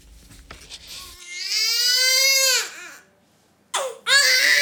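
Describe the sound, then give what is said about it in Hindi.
A newborn baby, just born, cries: one long, loud, strained wail that trails off, then after a brief pause two more sharp bursts of crying start up. “इस शिशु ने अभी जन्म लिया, बहुत जल्द ये अपनी माँ की गोद में होगा दूध पीने के लिए।”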